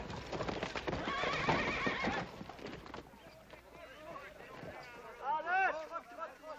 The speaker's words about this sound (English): That's what I call riding a horse. Oh, well, you gotta admit I tired him out a little bit.